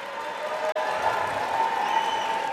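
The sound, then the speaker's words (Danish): A dense wash of applause and cheering in the US House of Representatives after a resolution to stop the war in Iran passed 215 to 208, steady and loud throughout, with one very brief dropout near the start before the noise resumes unbroken. “Ja, stor jubel.”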